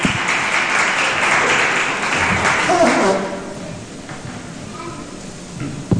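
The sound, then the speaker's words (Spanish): An audience applauds the Lord, clapping loudly in a dense, sustained burst for about three seconds, then it fades into a softer patter with scattered claps and faint voices. “Eso, denle un aplauso al Señor. Fuerte, por favor.”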